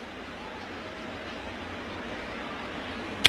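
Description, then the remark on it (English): A slap foul off a batter's foot at a White Sox baseball game makes a single sharp knock right at the end, cutting through a steady wash of stadium crowd noise. “Slap foul. I think that was off his foot.”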